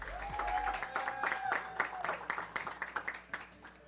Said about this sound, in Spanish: Glenis Rosa, un aplauso.